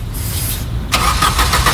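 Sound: car engine cranking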